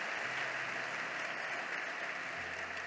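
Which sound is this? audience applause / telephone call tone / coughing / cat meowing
audience applause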